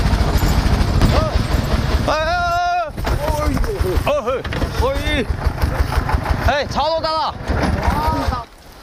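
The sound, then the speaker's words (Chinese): A tractor engine rumbles loudly and steadily for the whole stretch, while several people shout and call out over the noise, as four tractors loaded with hay set off on the road after nightfall. “天彻底黑了下来，4台拖拉机开始上路。”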